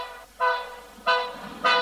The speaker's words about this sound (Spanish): Comenzó en esto a pitar el tren.